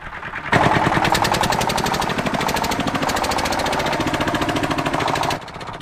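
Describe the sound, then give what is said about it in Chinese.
A tractor engine runs steadily with a rapid, rhythmic chugging and loud mechanical clatter, starting abruptly and cutting off near the end; no one speaks. It is a tractor on a free-range chicken farm, whose chickens run after it when they hear it. “现在溜达鸡已经养成习惯，听见拖拉机的声音，条件反射就会跟着跑。”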